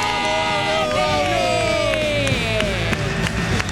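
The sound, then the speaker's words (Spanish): A loud crowd cheers and whoops, with rising and falling shouts and whistles over a dense roar, scattered handclaps cutting through for the full few seconds, welcoming a guest introduced for a show's second hour. “Fuerte el aplauso para mi amigo el señor”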